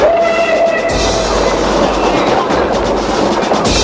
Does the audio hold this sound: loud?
no